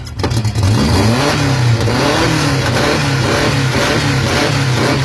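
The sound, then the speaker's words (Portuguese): A powerful engine roars loudly and steadily, its deep low rumble rising and falling slightly in pitch as it revs, with no voices over it. “Segundo o feio, é o ronco do campeão.”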